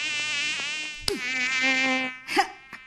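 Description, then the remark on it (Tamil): A thin, high-pitched mosquito whine drones steadily, its pitch wavering and briefly dipping before resuming, with a couple of short soft bumps toward the end. “இதுக்கு தான் வந்தியா? இந்த கொசு தொல்லை.”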